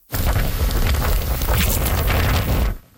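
Torrential typhoon rain pours down in southern China, in areas including Hong Kong: a dense, steady roar of hiss and low rumble, loud, lasting a few seconds before cutting off. No voices are heard.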